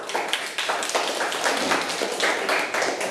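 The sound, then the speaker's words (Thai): A group of children in a class clap together for a classmate who answered the teacher's question, in a steady, fairly loud burst of applause that carries on for a few seconds, with no talking over it. “ปรบมือให้เพื่อนค่ะลูก”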